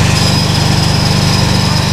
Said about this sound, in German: Da wird fleißig gepressluft-hammert